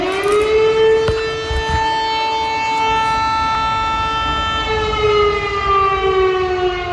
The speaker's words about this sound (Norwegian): Kraftige sirene kunne høres I Lublin øst I Polen tidlig på morgenen I dag, samtidig som Russland gjennomførte luftangrepet mot nabolandet Ukraina.